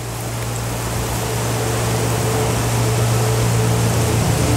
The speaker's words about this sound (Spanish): Hay cada vez más agua fluyendo por ahí. Y los pequeños arroyos se han convertido en grandes torrentes. Desembocan en el Vela y causan que el río crezca y se eleve.